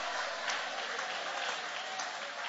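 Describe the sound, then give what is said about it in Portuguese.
An audience claps steadily with hands raised in praise to God, a dense, even wash of many hands applauding at a constant level throughout, with no voices standing out. “Levanta a mão e aplaude, levanta a mão e glorifica.”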